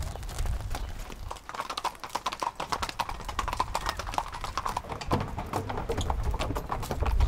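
Four horses' hooves clip-clop steadily on a paved promenade as they are taken to an arena at the beach, a dense, overlapping patter of many quick strikes, continuous throughout with low rumbling background.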